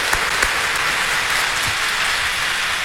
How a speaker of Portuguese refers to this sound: Uma salva de palmas a Nossa Senhora, forte, bonito, que Deus te abençoe.